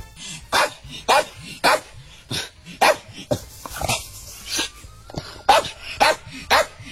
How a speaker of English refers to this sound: I've got some audio of a dog barking. You call that number. You tell me what the breed of the dog is. Are we ready to go? Here's the dog.